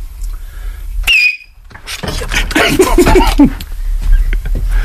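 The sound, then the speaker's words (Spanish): A brief, shrill, high-pitched human whistle by Miki Nadal, picked up by a microphone, that slides downward in pitch, followed by a burst of loud, noisy commotion. “Baja el micro, que va a silbar Miki Nadal.”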